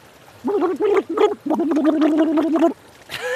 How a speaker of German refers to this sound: Okay, das war schon mal so, wie man im Wasserglas ein bisschen reinprustet. Musik, ich weiß noch nicht. War jetzt noch nicht wirklich Musik, ich gebe es zu.